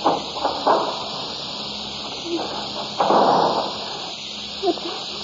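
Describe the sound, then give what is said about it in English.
A cellar door at the bottom of steps in a petrol warehouse is opened: a few short knocks and clicks of the latch, then a longer scraping sweep as it swings, with a final sharp click, over a steady background hiss. “Open this door.”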